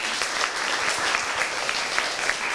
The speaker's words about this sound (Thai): ใครคิดว่าสวยปรบมือดังๆเลยค่ะ